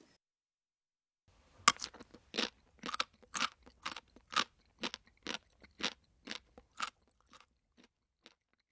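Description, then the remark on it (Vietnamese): Loud, crisp crunching of something hard being chewed, in a steady rhythm of about a dozen bites that gradually grow fainter. No voices. “Từ để diễn tả âm thanh vừa rồi là từ bori bori, tức là âm thanh khi nhai một thứ gì đó cứng.”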